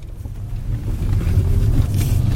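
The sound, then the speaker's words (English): A steady low rumble of an electric company car, made by VW in Zwickau, driving, heard from inside the cabin, with road and wind noise holding constant throughout and no voices. “This is my company car, and I drive it everywhere, every day. And it's an electric car.”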